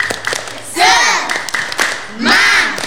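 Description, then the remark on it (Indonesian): Kindergarten children from Wungu district do a 'tepuk semangat' clapping chant: sharp rhythmic hand claps in quick sets, broken by two loud, rising-and-falling shouted calls from a group of young voices. “Biar lebih semangat, bagaimana ya, Kak, kalau hari ini anak-anak kita ajak tepuk terlebih dahulu.”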